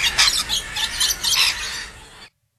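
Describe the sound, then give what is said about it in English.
A rainbow lorikeet gives a run of harsh, shrill screeches in quick raspy bursts, high-pitched and fairly loud, with no voices, before cutting off abruptly. “It's a rainbow lorikeet.”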